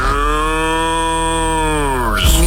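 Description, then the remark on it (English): A person imitates a cow with one long, loud, sustained moo that holds steady before dropping off at the end, with nothing else heard. “I thought we were doing impressions of cows.”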